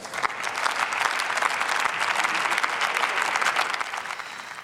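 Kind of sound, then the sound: crowd, parliamentary applause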